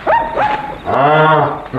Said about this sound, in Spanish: Perdone usted, patroncito, pero te salí a ver que andaba rondando el coyote. ¿Andaba rondando el coyote?